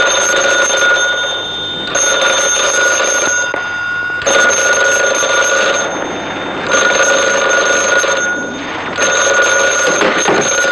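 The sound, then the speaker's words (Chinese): A telephone rings loudly and insistently in repeated bursts of bright, metallic bell ringing, with short pauses between them. There is no talking. “定，接电话。”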